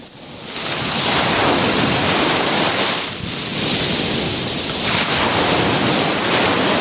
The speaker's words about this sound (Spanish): Bueno, pues día soleado, el mar está más en calma que los últimos días aquí en la playa de La Rábita y el sonido que nos dejan las olas es este.